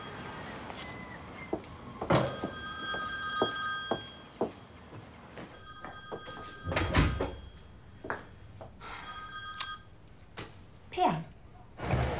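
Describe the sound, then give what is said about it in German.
A telephone rings in three separate bursts, each a bright, steady electronic tone, with knocks and thuds from movement and a low background murmur. “Da muss ich mal kurz ran, ja?”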